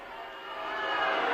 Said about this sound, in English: And as you can hear, the crowd is getting more audible, let's say. The Pope is making his way up into the cathedral, up the steps.